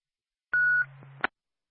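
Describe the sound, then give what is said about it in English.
A short ambulance dispatch pager alert tone, the second tone for a Woodsville ambulance backup medical call: a steady high electronic pitch over a low buzzing tone, lasting under a second and cut off by a sharp click. Loud, with no voices. “Twin State Woodsville Ambulance backup, second tone, second call, medical call Woodsville, 9 High Street at the high school for a 16-year-old male that had passed out and is now conscious.”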